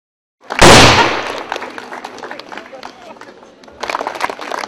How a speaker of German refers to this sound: Und dann ging es an die Kanonen auf der Schießanlage und es wurde aus allen Rohren gefeuert.